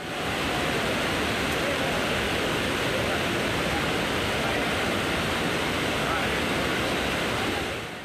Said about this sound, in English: Continuous rainfall has caused the Bushi Dam in Lonavala to overflow, attracting large number of tourists.